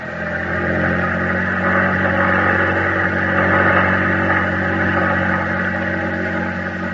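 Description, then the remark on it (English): A small Navy boat with a crew of eight runs its engine at full throttle in a steady, loud, droning roar with a low throbbing hum beneath, holding constant pitch and volume throughout, with no voices. “Full throttle! We're almost there!”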